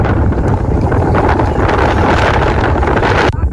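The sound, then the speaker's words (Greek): Strong wind during a wildfire near Vilia and Porto Germeno roars and buffets the microphone continuously, a loud, dense rumble with gusty fluctuations that barely lets up, with no voices present. “Οι ισχυροί άνεμοι δεν επιτρέπουν τη συνδρομή των εναέριων μέσων, τα οποία παραμένουν καθυλωμένα, δυσχεραίνοντας ακόμα περισσότερο το έργο της κατάσβεσης της φωτιάς.”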